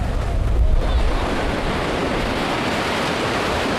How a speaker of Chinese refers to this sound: 解放军庙，背山面海，辽阔的大海映衬着庙宇的庄严肃穆，日夜不息的涛声寄托着人们的思念。